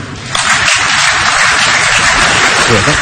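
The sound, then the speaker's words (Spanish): An audience bursts into applause after a brief moment of quiet, a dense, steady wash of many hands clapping that holds at a loud level to the end, with no one speaking. The audience is applauding the FIFA president's statement that Iran will play at the 2026 FIFA World Cup in the United States. “Me gusta cómo la segunda frase fuerza un poquito el parón para que la gente la aplaudan.”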